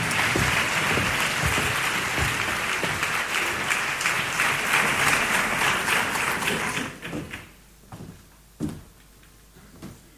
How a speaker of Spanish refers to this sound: pedimos a la alcaldesa de Granada que nos ayude a cerrar el acto. Así que, fuerte aplauso.